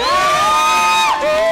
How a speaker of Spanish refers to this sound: Esa es mi socia. ¡Aplauso para la socia!